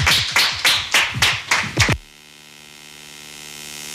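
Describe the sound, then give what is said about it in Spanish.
Six or seven loud, evenly spaced claps ring out for about two seconds as applause for the invited guests, then stop abruptly, leaving only a steady low electrical hum. “Muchísimas gracias y a ustedes también por acompañarnos y un aplauso para nuestros invitados e invitadas.”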